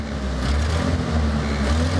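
A car engine starts right away and then idles steadily, a low continuous rumble with harmonic hum and no breaks, with smoke coming from the exhaust, running on its own without any talk.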